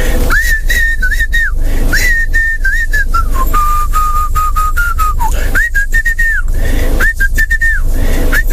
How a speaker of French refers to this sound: Après, il a siffloté.